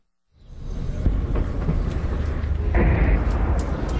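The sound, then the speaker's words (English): A low, rolling rumble swells in and holds, with dull thuds breaking through: three loud explosions some distance away, heard from a hospital in Abati in southern Lebanon, with a huge plume of thick smoke rising just behind the hills. “We've just arrived at the hospital here in Abati, and we've just heard two loud explosions in the distance. A third one.”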